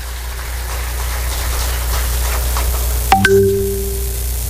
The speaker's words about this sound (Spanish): Así que yo pido un fuerte aplauso para todos los usuarios del proyecto, para todas las familias.